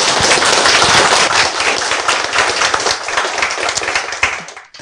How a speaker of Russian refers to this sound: Сегодня перед вами с лекцией «Как открывают экзопланеты» выступая Сергей Попов, профессор РАН, российский ученый-астрофизик и популяризатор науки. Давайте поприветствуем его аплодисментами.